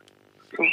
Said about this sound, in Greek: Α, ακούω εκεί τα πουλιά που έχεις στο σπίτι.